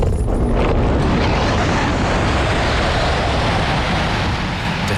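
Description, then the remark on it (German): A two-seat glider on a winch launch, the tow cable pulled taut and hauling it steeply into the sky, heard as a loud, steady rushing roar of wind and airframe noise that fills the whole stretch, with no voices. “Das Zugseil vor dem Flieger wird straff und zieht uns steil in den Himmel.”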